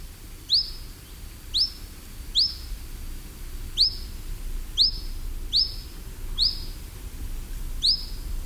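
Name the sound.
european pied flycatcher calls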